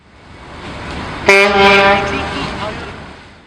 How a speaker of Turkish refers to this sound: Duydunuz mu? Vapur düdüğünü çaldı. Adalara doğru demir alıyoruz.